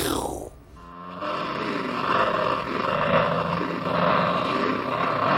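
A distorted electric guitar snarls and growls like a big cat, opening with a short swooping sweep before settling into a rough, sustained rumble that stays loud for several seconds.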